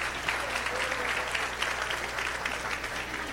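Sustained applause from an audience at a festival celebration, given to a band: a dense, steady wash of many hands clapping at an even, fairly loud level throughout, with no voices standing out.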